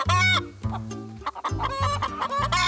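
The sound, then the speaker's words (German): Chickens clucking in a dense, busy run of short, throaty calls that overlap one another, with no one talking. “wo ich dann am ehesten unterstütze, ja, mit Eier sammeln, füttern, ausmisten und solche Dinge halt rund um die Hühner, genau.”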